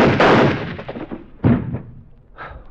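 gunshot

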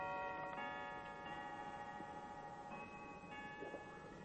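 clock chiming and ticking

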